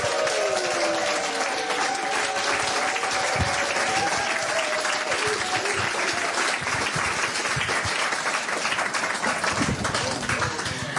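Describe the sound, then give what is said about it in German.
Sustained, loud audience applause welcoming a guest, a dense wash of many hands clapping steadily throughout, with faint voices and a brief whistling tone in the first half. “Bitte begrüßen Sie mit einem von Herzen kommenden Applaus.”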